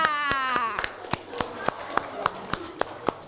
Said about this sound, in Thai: ครูขอขอบคุณนักเรียนทุกคนนะคะขอเสียงปรบมือให้ตัวเองหน่อยค่ะ